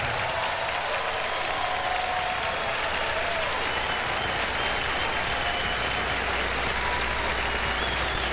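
Steady, dense audience applause fills the whole stretch, a loud wash of many hands clapping at once with no voices breaking through.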